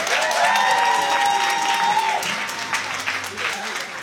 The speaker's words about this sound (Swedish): Han vill ha en stor applåd.